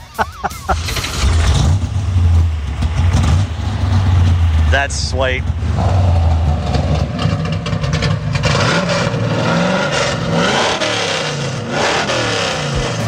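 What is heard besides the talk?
muscle car engine revving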